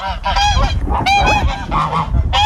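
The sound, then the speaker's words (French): Several geese on a small farm honk loudly, their harsh nasal calls overlapping in a steady, noisy chorus with no pauses and no talking. “J'ai le cochon, j'ai les oies, les lapins.”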